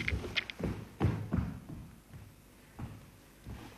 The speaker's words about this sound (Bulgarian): Хлопа вратата.